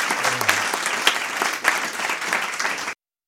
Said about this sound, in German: Einen Applaus.